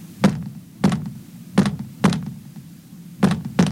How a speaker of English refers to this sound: I better knock back.